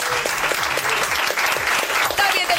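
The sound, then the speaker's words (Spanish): Steady, dense audience applause fills the whole stretch, loud, with a few faint scattered voices and whoops mixed in among the clapping, welcoming screenwriter and comedian Laura Márquez as a guest on a show. “¡Atención, un fuerte aplauso para Laura Márquez!”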